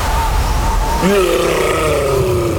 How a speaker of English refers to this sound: That's the sound of a Yeti in the fridge. Yeah, there's a Yeti in the fridge.